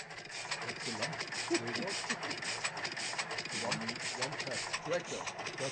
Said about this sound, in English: Oh, it's a tractor sound. Yeah, it's a tractor sound from 1938. Just was one cylinder, you know. Yeah. Okay, so it's a 1938 tractor. It wasn't recorded in 1938. No.